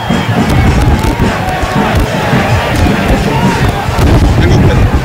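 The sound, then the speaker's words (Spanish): A big stadium crowd at a Ñublense football match applauds and roars from the Rediablos stand, a dense, steady wash of clapping and cheering that stays loud for the full few seconds, with scattered voices mixed in. “Los aplausos que bajan en la tribuna de los Rediablos.”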